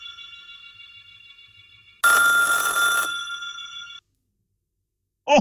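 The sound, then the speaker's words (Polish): A steady electronic telephone ring tone from an outgoing call to Santa Claus hums for about four seconds, briefly swelling into a louder, harsher burst midway, then cuts off into silence before a short sound at the very end. “Gdzie tu jest ten przycisk do dzwonienia do Mikołaja? Nasi słuchacze powinni to słyszeć.”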